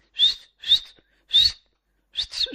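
A woman whistles sharply in four short, shrill catcall-style bursts, loud, with uneven gaps and the last two whistles running together.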